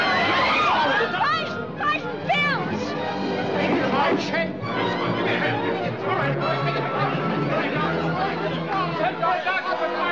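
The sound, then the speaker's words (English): A loud, agitated crowd fills a courtroom with overlapping chatter and shouting, a dense commotion of many voices that stays constant from start to finish. “I can control this crowd all by myself.”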